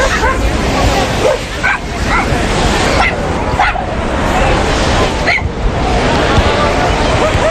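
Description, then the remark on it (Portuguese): A dog from an animal adoption association barks several times in short sharp bursts and whimpers in between, set against a loud, busy outdoor backdrop of crowd babble and rushing surf. “porque está aqui um cão que já teve sorte numa iniciativa destas, mas com futebol.”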